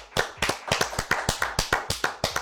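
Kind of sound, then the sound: crowd, applause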